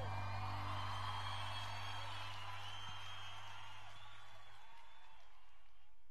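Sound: applause and cheering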